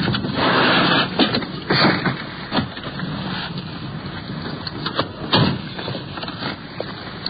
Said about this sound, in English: Should be up here in the next block, I believe. Yeah, there they are. The radio car is pulling up. We're sliding in behind.